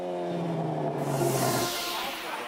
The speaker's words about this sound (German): Die Fans bekamen Oldtimer und Autos aus den USA zu Gesicht. Die Szene schätzt besonders die Lautstärke vom Auspuff.